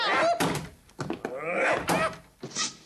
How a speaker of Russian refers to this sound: Кунаки бросаются к закрытой двери. Поднимает труса, использует его голову как таран.